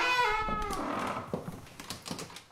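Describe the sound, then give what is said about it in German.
A large, heavy palace door, a special door meant only for the king on the first floor of a castle, swings open with a drawn-out, squealing hinge creak, followed by a few soft knocks and clunks of wood and metal, with no one speaking. “Er kommt von seiner Kammer durch die Kapelle, durch diesen langen Flur bis zu einer Spezialtür, die ganz allein für ihn gedacht ist. Die öffne ich jetzt.”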